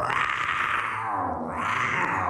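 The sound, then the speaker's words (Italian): A person imitates a lion's roar, the lion king, in a guessing game about Africa, with one loud, sustained, growling vocal sound lasting about two seconds, rough and throaty, with no speech around it. “È il leone, il re leone.”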